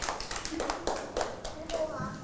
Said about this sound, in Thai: ใช ่ค่ะเก่งมากปรบมือให้